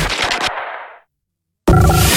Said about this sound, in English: Gunfire in Richmond.